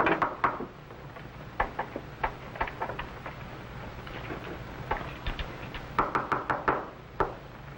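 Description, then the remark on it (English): Repeated knocking on a wooden door, firm, in uneven bursts: scattered single raps, then a quick flurry of several knocks near the end. No voices. “Open the door.”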